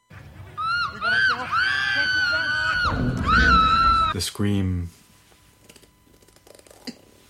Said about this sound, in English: The scream. The scream is often treated as some kind of insurmountable, impenetrable obstacle, pure white noise force that is beyond analysis and unworthy of any kind of interpretation.